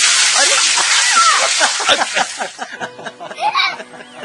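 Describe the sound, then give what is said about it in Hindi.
A bucket of water is dumped over people during a Sangken festival celebration in a loud, rushing splash lasting about two seconds, then the water gives way to excited voices and laughter. “एक बाल्टी पानी उंडेल दिया।”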